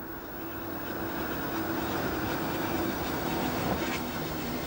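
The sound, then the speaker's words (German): The glass train pulls into Mittenwald station, at the foot of the Karwendel mountains, rumbling along steadily with a broad, even roar, a faint tonal hum running underneath and a brief squeal or screech near the end, as if braking to a stop. “Einfahrt im Bahnhof Mittenwald, direkt am Fuße des Karwendelgebirges gelegen.”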